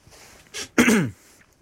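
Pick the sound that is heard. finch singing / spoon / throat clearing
throat clearing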